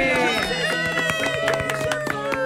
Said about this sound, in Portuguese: Palmas para arroba Miss Josi!